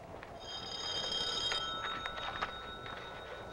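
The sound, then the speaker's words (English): A telephone in Professor Williams' university office rings with a bright, bell-like trill that sustains for a couple of seconds before fading out, fairly quiet against a faint background hiss, with no one speaking. “Will you answer your phone, you big clown?”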